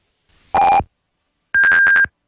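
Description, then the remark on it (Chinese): Radio time signal pips marking 12:30 Beijing time on China National Radio's Voice of China: a short lower electronic tone, a brief gap, then a higher, pulsing beep sequence, clear and loud with no voices. “北京时间12:30。”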